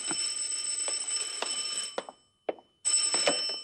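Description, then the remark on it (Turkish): A telephone rings with a steady, bright electronic trill, breaking off briefly into near silence before ringing again, with a few soft clicks mixed in. It is fairly loud, and no one speaks. “Sepetçi karakolundan telefon ediyorum.”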